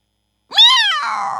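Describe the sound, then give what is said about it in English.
A single drawn-out cat meow, fairly loud, rising and then sliding down in pitch with a slightly rough, strained ending. Nothing else can be heard around it. “Meow.”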